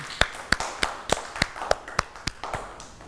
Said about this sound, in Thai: เด็กๆตั้งใจทำกิจกรรมมากเลยค่ะเก่งมากค่ะปรบมือให้ตัวเองด้วยค่ะ